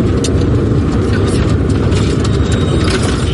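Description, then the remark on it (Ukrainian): A car pulls away during an evacuation, with the sky reported clear. Its engine is a steady, loud rumble with faint mechanical rattles and clicks running through the whole stretch. “Нам повідомляють, що небо чисте і машина рушає.”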